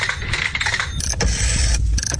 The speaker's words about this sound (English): Adults are reminded of ubiquitous sounds from their childhood, now extinct. For some, it's the sound of rotary telephones and even payphones.